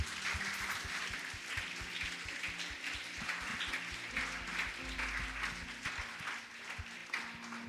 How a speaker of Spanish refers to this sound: Si tú lo crees, dale un aplauso a Dios.